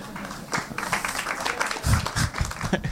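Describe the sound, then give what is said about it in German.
Scattered audience applause at a Prepping for Future event, a dense patter of many hands clapping at moderate volume that swells slightly midway and keeps going for the full three seconds. “Weniger Applaus, so wie viele so, Moment mal.”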